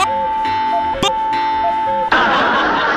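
A clock alarm rings with steady, sustained electronic tones for about two seconds, broken by a short click, before the sound gives way to a burst of loud, noisy rustling.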